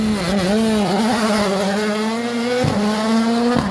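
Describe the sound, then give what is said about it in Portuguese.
A rally car starts a special stage of the Rally Municípios do Funchal e Câmara de Lobos after a countdown, its engine roaring loudly at high revs, the buzzing tone wavering and briefly dipping as if shifting gear, then pulling on steadily. No one speaks. “E assim deu-se o arranque de mais uma PEC deste Rally Municípios do Funchal e Câmara de Lobos, que aqui estamos a acompanhar numa emissão especial.”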